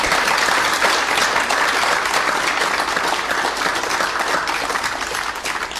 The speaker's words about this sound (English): And I ask you to acclaim them with some clapping.